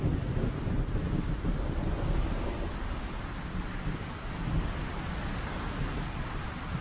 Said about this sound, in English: Storm clouds approach, the temperature drops, and violent gusts of wind sweep through the Fynbos.